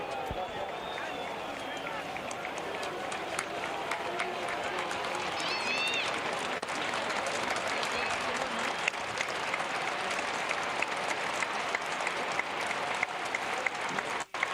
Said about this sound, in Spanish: Los más absolutos y respetuosos aplausos de toda la gente de Boca en cancha de Huracán para el papá de Lionel Messi.